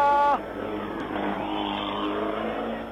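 Rally car number 110, driven by Andro Ledesma, roars past at speed at El Tejar during the Oscar Crespo rally, its high-revving engine whine loud at first, then giving way to a rushing, noisy roar as it continues away.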